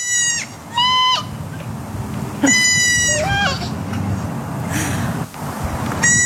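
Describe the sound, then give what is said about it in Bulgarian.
A young goat bleats in short, wavering cries, answered back and forth by a girl's voice imitating the bleat, over a steady outdoor background murmur. “И още една ситуация, момиченце и козле са си поговорили в кавички на един език, да видим или да чуем, може би.”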